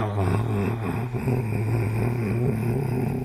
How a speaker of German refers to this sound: Genau in diesem Zustand steuert Karl da auf jeden Fall über die Autobahn, also schon körperlich anwesend, aber mit dem Kopf eben ganz woanders.